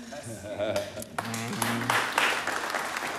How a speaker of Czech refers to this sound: Jak tleská jenom někdo, jak jsou tady jako zase faninky někoho jiného.